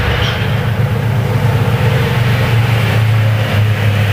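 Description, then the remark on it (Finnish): A rally car's engine drones steadily from the forest during a rally special stage, a low, continuous rumble with a slight rising whine, heard outdoors with no voices. “Ja sitten saadaan ensimmäinen korealaisen autovalmistajan Hyundai-auto.”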